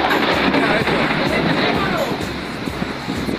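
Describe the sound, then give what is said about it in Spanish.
Heavy rain pours down in a dense, continuous roar during a thunderstorm in the San Judas sector, with gusty wind adding a low rumbling undertone. The sound stays loud and steady throughout, with no clear pauses. “Está lloviendo duro, venteado, en rico, con tormenta eléctrica, pero bien, bien sabroso.”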